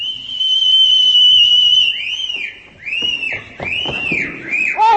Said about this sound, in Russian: Услыхав свист, Анка оглядывается и, заложив пальцы в рот, отвечает.